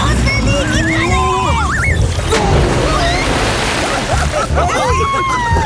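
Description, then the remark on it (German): A single big splash bursts out partway through as someone jumps into a pool, followed by churning, sloshing water, while excited children's voices squeal and shout throughout. “Du hast dir das halbe Becken leer gemacht.”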